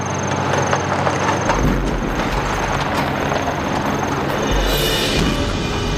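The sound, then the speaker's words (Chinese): A heavy truck, apparently a Japanese truck, rumbles past, its steady engine drone and rattling noise holding loud throughout, with a deeper low rumble swelling in the middle before easing off again. No voices. “卡车， 好像是日本人的卡车。”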